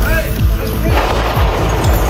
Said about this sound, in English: That sounds of gunfire via CNN. Authorities say 21-year-old Nasir Best pulled out a weapon near a White House security checkpoint at the area of 17th and Pennsylvania on Saturday and opened fire. Members of the Secret Service returned fire